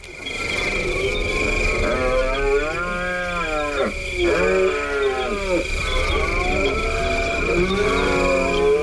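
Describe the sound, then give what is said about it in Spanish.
A rutting stag bellows in two long, loud, groaning roars, with a short break between them, over a steady high-pitched hum in the background. “Pues estamos hablando, yo creo que de uno de los más conocidos, que es el entusiasmo del ciervo en la berrea, ¿verdad, Paco?”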